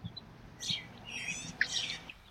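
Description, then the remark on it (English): Birds chirp and sing in a park near the water, among trees and grass by basketball courts on a sunny day; one voice warbles in a short, melodic, song-like phrase while another gives quick, bright chirps, with faint outdoor ambience underneath and no talking. “I heard two distinct bird calls, one more song-like, and one was more of a chirping, but I couldn't see the birds and I wasn't really able to identify their calls.”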